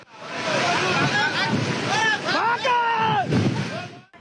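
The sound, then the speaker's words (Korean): A loud, steady roar of a huge torrent of floodwater rushing down a gorge toward staff lodging and offices, pouring like a waterfall and throwing up heavy spray, with people's raised voices breaking through the din several times. “희뿌연 먼지가 상류에서 쏟아지는가 싶더니 불과 몇 초 지나지 않아 거대한 물줄기가 물보라를 일으키며 들이닥칩니다.”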